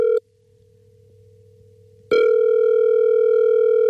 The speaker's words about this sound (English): And this morning, my friends, I am going to make a phone call. So, make sure you got your phones on, because this could be your phone ringing.